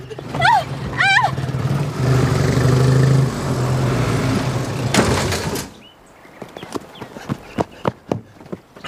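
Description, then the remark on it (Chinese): A loud car engine roars and revs for several seconds with a squealing whine at the start as the driver cannot get the brake to stop the car, then cuts off into a run of sharp, rapid clattering knocks. “啊，我踩不住，啊，我踩不住，我刹车踩不住，怎么办？啊， 把脚松开。松油门，哎呀！”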